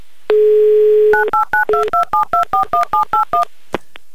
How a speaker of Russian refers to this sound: Набран номер телефона Александра.